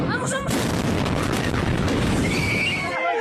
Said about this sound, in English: At least two people have died in a military explosion in a military maintenance depot in Bolivia.